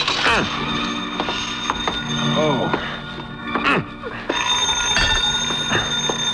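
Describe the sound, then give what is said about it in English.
A telephone bell rings steadily and insistently, with a brief break partway through before resuming, while mechanical clatter and faint voice-like sounds mix in underneath. “6 to 5, I'd never get there before it stopped ringing.”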